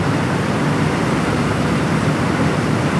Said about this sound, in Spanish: Ay, la lluvia me desconcentra completamente de lo que estoy hablando. Déjenme escuchar la lluvia. Mira.